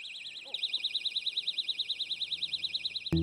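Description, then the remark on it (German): A personal safety alarm shrieks continuously, a piercing electronic tone whose high pitch warbles rapidly up and down in a steady wobble. It is loud and cuts off abruptly with a brief thump at the end. “Ist der lauteste Alarm automatisch der beste?”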